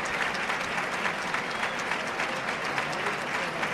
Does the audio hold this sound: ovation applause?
yes